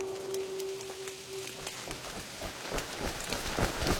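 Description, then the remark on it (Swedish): Steady rain patters down in a dense, crackling hiss, with scattered heavier drops tapping out irregular clicks; a faint steady tone hums underneath for the first couple of seconds. “Det regnar igen.”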